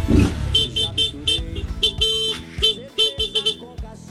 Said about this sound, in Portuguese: E o buzinaço hoje saiu.